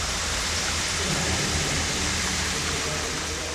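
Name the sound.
flowing water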